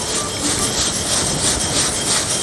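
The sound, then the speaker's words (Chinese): Small square dough cubes rattle and tumble in a basin being shaken to round them off, making the dish called pen li peng (yao gaga); a dense, continuous gritty clatter with a faint rhythmic pulse and steady loudness throughout, no voices. “为了让它更加的圆滑一点，它晃的时候，它就是你看， 这是终于到 了，这就是嘎嘎声了，是吗？”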